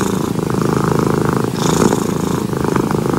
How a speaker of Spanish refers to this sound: El sonido del ronroneo del gato. Oye, sí. Es muy relajante. El ronroneo de los gatitos. Sí, ¿tiene ronroneo de Michi acá o no? Sí, tiene. Ahí tiene. Oh. Es muy relajante.